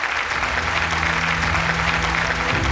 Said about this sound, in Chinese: 我们把掌声送给他们，一起来期待。